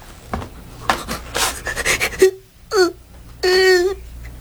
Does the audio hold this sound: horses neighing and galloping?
no